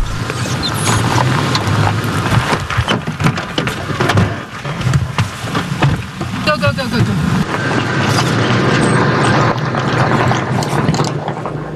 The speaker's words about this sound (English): We can hear a drone above, and we've been told that it's a Houthi drone, so we're just taking cover.